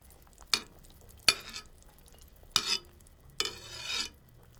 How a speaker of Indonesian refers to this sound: Masukkan ayam yang telah direbus dan panaskan di atas api sedang. Kalau air sudah mendidih, kecilkan api dan buang lemak yang naik ke permukaan. Dengan membuang lemak, kaldu yang dihasilkan tidak akan terlalu berminyak dan lezat.